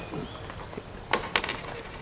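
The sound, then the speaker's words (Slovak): A single gold coin drops onto a hard surface with a bright metallic clink, bouncing once more and ringing briefly before settling, clear against quiet background. “Čo to? Len jedna minca?”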